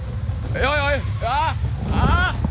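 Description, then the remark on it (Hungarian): Steady low wind rumble, from wind starting to blow, buffets the microphone throughout, with three short vocal bursts from a voice rising and falling over the blustery noise. “Jól van, megpróbálok visszafordulni, csak kicsit elkezdett fújdogálni a szél!”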